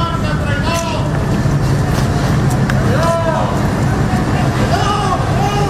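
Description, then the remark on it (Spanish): A crowd shouts and jeers loudly and continuously at Spanish Interior Minister Fernando Grande-Marlaska, calling him a traitor, as he arrives to open the new National Police station in Andújar, Jaén, Spain; raised voices rise and fall in chant-like bursts over a dense, steady wash of babble and street noise. “Gritos de Marlaska traidora a su llegada a esa comisaría.”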